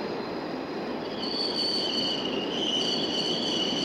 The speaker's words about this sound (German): Jetzt läuft ein Zug von der Leinestraße her kommend in den Bahnhof ein.